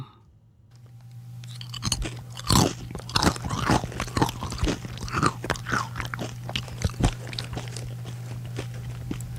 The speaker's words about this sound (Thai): น้องชีสบอกว่าเสียงคนกินขนม ขนม นะคะ ครับ แล้วก็น้องของขวัญฉายาวาดรูปตอบว่าเสียงเขาเคี้ยวข้าวโพดคั่วค่ะ